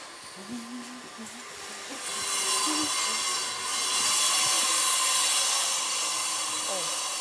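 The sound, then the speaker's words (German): Construction site machinery noise near the elephants Tefi, Bala and Rada, a steady loud mechanical whirring roar that swells after a couple of seconds and holds, with faint indistinct voices briefly audible underneath at the start. “Trockenfrüchte sollen Tefi, Bala und Rada über den Baulärm ein wenig hinwegtrösten.”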